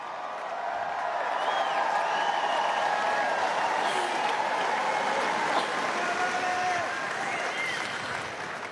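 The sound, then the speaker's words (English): A large tennis crowd on Centre Court applauds and cheers continuously, a dense wash of clapping with scattered whistles and shouts that swells and holds for several seconds before easing slightly. “And looking down at her daughter now, listen to the reception for this crowd.”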